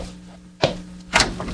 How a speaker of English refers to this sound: This is my husband's breakfast. If you'll open the door. Sure thing.